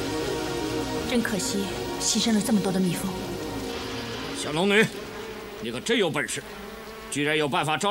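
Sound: swarm of bees buzzing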